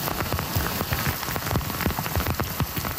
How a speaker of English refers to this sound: In Montreal's West Island, an unrelenting downpour quickly turned roads into flowing rivers. Some boroughs hit with as much as 170 millimeters of rain in just a few hours.